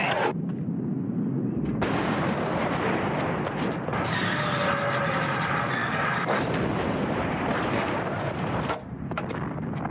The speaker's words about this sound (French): Un canon de 75, ça peut tirer 20 obus par minute. Il faut se représenter ces canons par milliers, placés tous les 12 mètres sur un front de 50 km, projetant les obus 8 jours durant.